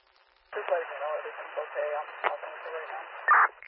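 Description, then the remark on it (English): Hissing radio static carries a muffled, garbled voice transmission, with sharp crackles and pops cutting through and a louder burst of noise near the end. “Okay, I'm 6-9, there's a lot of static and I was not able to copy.”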